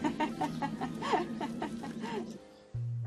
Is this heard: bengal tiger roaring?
no